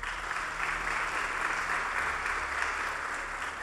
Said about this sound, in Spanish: Para todos pedimos también un aplauso.